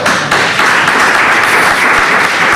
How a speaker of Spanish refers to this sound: Ahí salía al rescate el presidente para pedir ese aplauso para él, porque en ese momento estaban llorando, ya digo, prácticamente todo el mundo que estaba en la sala, incluidos compañeros.